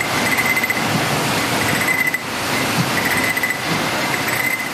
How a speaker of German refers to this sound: Zum Schluss werden die Gläser durch eine Maschine geschleust und die kontrolliert jedes einzelne Marmeladenglas auf Fehler. Das klingt dann so.